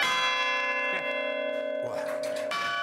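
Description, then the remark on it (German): A large church bell rings in a church bell tower, loud and sustained, with several strikes about a second apart, each blooming into a deep, humming resonance that hangs between blows. “Dann ist sie dreimal so schwer und da wirken enorme Kräfte auf Glockenstuhl und eventuell auf Gemäuer.”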